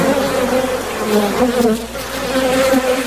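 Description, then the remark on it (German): A swarm of bees buzzes steadily and fairly loudly, a dense droning hum whose pitch wavers and overlaps throughout, with no voices. “Mittwoch, der 20. Mai, der Welttag der Bienen.”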